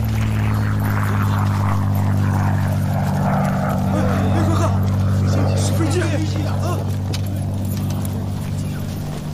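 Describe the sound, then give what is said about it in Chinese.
A loud, steady engine drone of an approaching Communist military airplane hums continuously for the whole stretch, its deep throbbing tones holding nearly constant, with indistinct voices murmuring underneath. “罗队长，共党的飞机来了，我们要不要下车防空啊？”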